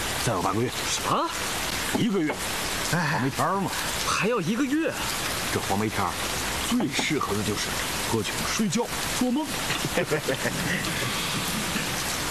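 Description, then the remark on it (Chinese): Steady rain hisses throughout in Nanzhou, where it rains every day in the plum-rain season, a constant wash of falling drops beneath voices talking in the foreground. “在这天天下雨的南州，还有什么事可做？”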